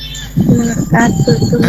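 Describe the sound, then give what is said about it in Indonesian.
Wind gusting into the phone microphone of a radio listener calling in via WhatsApp makes a loud, rough, rumbling roar that swells and buffets unevenly, with a steady low hum underneath and some tonal, voice-like streaks through it. “Iya, itu ada suara angin saya dengar, kayak tertiup.”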